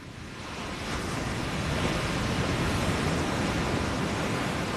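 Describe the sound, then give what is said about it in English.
Ocean waves wash onto a beach along the Pacific Coast Highway in Los Angeles County in a continuous hissing roar that swells slightly in the first second, then holds steady and fairly loud with no voices, with a fire burning behind the beach. “Sebastian and I sat there and you know, kind of cried and hugged on the beach. Watch the waves”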